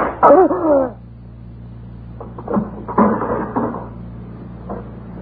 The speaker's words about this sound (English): This door was sticking. Here it is.